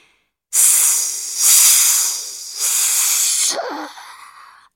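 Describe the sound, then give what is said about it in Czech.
Loud hissing of flames being doused with water, swelling in three steamy surges before tapering off into a softer sputter. No voices. “Syčely rozlobené plameny, když je orlí slzy soucitu postupně jeden po druhém hasily, až bylo nakonec úplně po ohni.”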